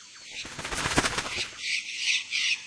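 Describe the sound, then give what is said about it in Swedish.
A flock of blue parrots with multicoloured wings bursts into flight in a tree with a rapid, fluttering clatter of flapping wings, fairly loud, followed by a few shrill squawking calls. “Då flaxar det till i ett träd.”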